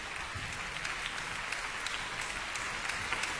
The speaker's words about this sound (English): Responding to the audience's enthusiastic applause, … comes out to bow again.